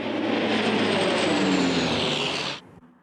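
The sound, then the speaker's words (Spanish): A firefighting water-bomber's engines roar loudly and steadily over a wildfire in pine forest and scrub around Milna, at the western end of the island, a dense, continuous drone that holds for a few seconds before cutting off abruptly into near silence. “Los bomberos, apoyados por 4 aviones cisterna Canadair y un air tractor, centran sus esfuerzos en los alrededores de Milna, en el extremo occidental de la isla.”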